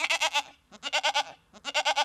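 A goat bleats three times in quick succession, each cry a loud, quavering, tremulous call with short pauses between, no voices present.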